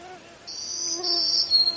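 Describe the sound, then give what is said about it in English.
A black-throated green warbler sings a run of high, buzzy, scratchy notes that step slightly lower in pitch, over faint low background tones. “That's a black-throated green warbler.”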